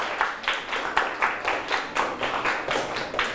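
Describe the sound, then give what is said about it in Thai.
A classroom of students claps steadily for a few seconds for a classmate who has just presented, a dense patter of many hands with a loose rhythmic pulse, moderately loud, with no talking. “สุดยอดเลยครับปรบมือให้เพื่อนเลยครับ”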